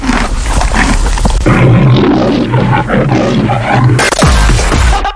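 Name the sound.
lion roaring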